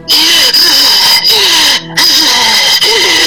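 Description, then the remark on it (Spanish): A voice imitates heavy, raspy breathing: loud, strained, hissing breaths with a squealing, wheezy edge, broken by a few brief pauses over about three seconds. “Y de repente siento una respiración encima de mí.”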